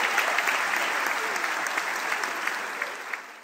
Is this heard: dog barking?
no